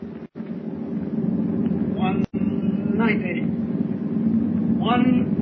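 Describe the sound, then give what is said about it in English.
Submarine motors running at full speed as the submarine rises toward the surface make a loud, steady low mechanical drone that fills the whole stretch, broken by two brief dropouts, with a few rising whistling sweeps over the hum. “Start the motors. Hurry. Engine room. Full speed ahead.”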